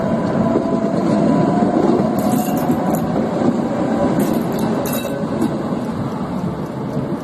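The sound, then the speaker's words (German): A tram rumbles steadily around the tight curve of the turning loop at Kaderuza, where it changes direction, its wheels giving off a few high metallic squeals midway through, with a constant low roar and no voices. “Schließlich ist die Kehranlage an der Kaderuza erreicht, wo die Fahrtrichtung gewechselt wurde.”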